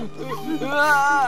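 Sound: dog whimpering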